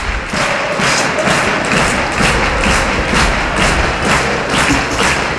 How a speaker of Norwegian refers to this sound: Publikum har reise på Aker stadion. Og står og klapper, og det bra. Det fortjener guttene I dag.